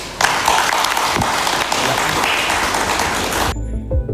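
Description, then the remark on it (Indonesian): A crowd applauds at a human rights training for journalists in Bandung, West Java, steadily for about three and a half seconds, a dense, loud wash of many hands clapping, which then stops abruptly into near quiet. “Tepuk tangan.”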